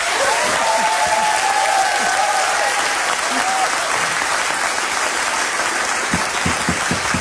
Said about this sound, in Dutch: Ik zou zeggen, laat de mensen voor jou klappen.